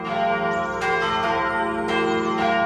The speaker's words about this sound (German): Es ist Sonntag, es läuten die Glocken, hier gerade die der Chemnitzer Schlosskirche. Als Christ freue ich mich immer, wenn die Kirche mit ihrem warmen, vollen Klang über Berg und Tal, über Wald und Wiesen, Häusern und Straßen vernehmbar wird.